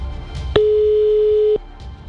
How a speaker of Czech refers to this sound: Máme vytočeno a uvidíme, jestli se dovoláme tam, kam se dovolat máme. Jestli pak tam poslouchají.